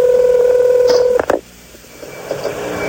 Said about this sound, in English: Oh, I'm finished dialing it.